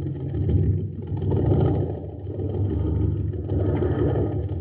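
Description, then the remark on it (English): A jet boat engine idles at an aqua jet boat race on Mars, the Shooting Star boat running on ordinary fuel, with a low, sluggish rumble, its droning pulse swelling and dipping slightly without ever picking up speed. No voices are heard. “Gang, this is Captain Dick Tufeld at an aqua jet boat race on Mars.”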